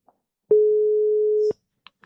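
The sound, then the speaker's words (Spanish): A single steady telephone ringing tone of an outgoing phone call, a clear mid-pitched beep held for about a second, followed by a few faint clicks in near silence. “A ver se nos colle, porque unha persoa que por veces lle gusta coller o teléfono, eh?”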